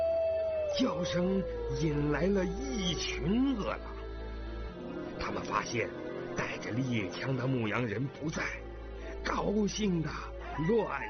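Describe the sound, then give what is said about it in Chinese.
A single long wolf howl glides slowly downward in pitch, sustained for several seconds, while a person talks over it and keeps talking after it fades; the wolf had been left to guard a shepherd's flock. “那头狼立刻嚎叫起来。”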